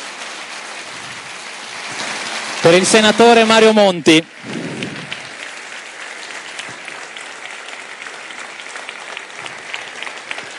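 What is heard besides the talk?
standing ovation applause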